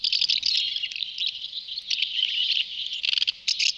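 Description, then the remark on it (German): A busy stretch of house martin calls, dense overlapping chirps and twitters that run almost continuously, with a few sharper bursts near the end, clear with no talking. “Ja, Sie haben es sicher erkannt. Das ist die Mehlschwalbe.”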